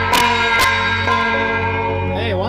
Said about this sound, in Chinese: 您这敲锣是起到什么作用啊？ 敲锣是避免天空中的那个老鹰秃鹫，对鹿羔的一个侵扰掠食，驱赶老鹰和秃鹫远离这片区域。